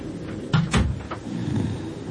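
A few quick knocks on a wooden door, close by and fairly loud, coming in a short uneven cluster with no one speaking.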